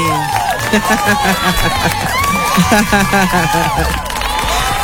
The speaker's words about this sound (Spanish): ¡Aplauso!